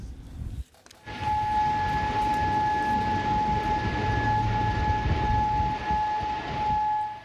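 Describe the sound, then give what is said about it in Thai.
A loud, steady air raid warning siren in Kuwait City, Kuwait, starts abruptly after a moment and holds a sustained wailing tone over low rumbling city background noise, as air defense systems begin working to intercept incoming weapons. “นี่เป็นบรรยากาศในกรุงคูเวตซิตี้ของคูเวตวันนี้นะคะมีเสียงไซเรนดังขึ้นแบบนี้พร้อมกับระบบป้องกันภัยทางอากาศที่เริ่มทำงานเพื่อสกัดกั้นอาวุธที่เข้ามาในน่านฟ้าค่ะ”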